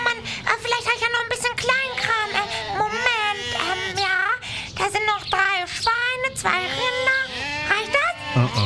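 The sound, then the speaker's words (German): A flock of about 30 sheep bleats continuously, many wavering, overlapping calls piling on top of one another without pause for the whole stretch. “Aber ich hab nur 30 Schafe dabei.”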